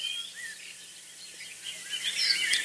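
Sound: birdsong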